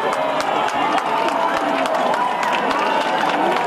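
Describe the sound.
A dense crowd in Spain cheers and shouts during a total solar eclipse, a steady, loud wash of overlapping voices, with scattered sharp whoops and a few claps breaking through the continuous roar.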